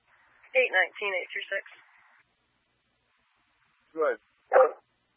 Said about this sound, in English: We're just trying to deal with this dog that wants to bite you